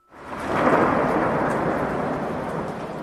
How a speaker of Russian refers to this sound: Но что это, словно раскаты грома по всей вселенной, словно эхо раздается над всеми живущими?